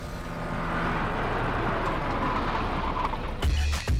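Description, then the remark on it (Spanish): A car starts up, its engine rumbling steadily and fairly loud for several seconds, then shifting near the end with heavier low thumps and a sharper mechanical burst, as if revving or pulling away. “¡Qué bonito es iniciar en este carro de las aventuras!”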